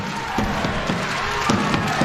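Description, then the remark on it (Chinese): A table tennis crowd roars and cheers during a closely contested first game, in a steady, dense wash of noise, punctuated by a handful of sharp claps or thumps scattered through the two seconds. “这点燃了现场的观众，紧张的情绪拉得挺满的。”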